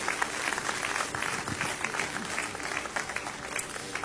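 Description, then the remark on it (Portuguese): A church audience at a themed service at Regenere claps hands steadily for several seconds to praise Jesus, a dense, continuous patter of many hands with no pauses, fairly loud throughout. “Podem tomar os seus lugares e exaltem o nome do Senhor Jesus com as suas palmas.”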